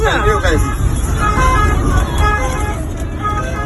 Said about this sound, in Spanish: Es el sonido de esa misma noche dentro de un coche de la Guardia Civil y de una ambulancia.